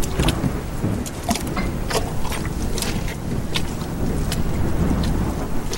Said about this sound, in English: He walked for miles with the cold wind blowing, stinging rain on his skin. He treaded through mud and deep puddles in the dark night.